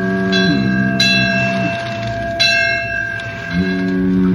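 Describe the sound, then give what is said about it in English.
A bell buoy clangs at irregular intervals out in the ocean at night, beyond the sight of land, its metallic strikes ringing out over a steady low droning tone. No one speaks. “Out there in the ocean, beyond the sight of land, Little Toot spent a frightful night, tossed about by the big waves, while the life buoys and sounds in the night made eerie noises.”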